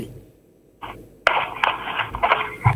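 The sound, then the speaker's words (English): A caller on a call-in line gives a short cough, then a run of harsh, rasping coughs heard over a tinny, narrow phone line, loud, with several sharp bursts packed together near the end. “Sorry, I can hear you are coughing.”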